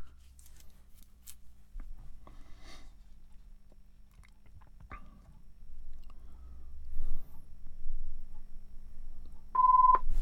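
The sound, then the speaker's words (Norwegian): A telephone rings with a short electronic tone right at the end, following a stretch of quiet clicks, rustling and handling noises. No one speaks. “Det ringer.”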